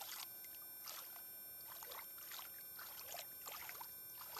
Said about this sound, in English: So I'm at the rock here in Kamyai. It's looking pretty low. The water's still low from the summer. I'm gonna just fill the water. See how the water fills? It's a little cold.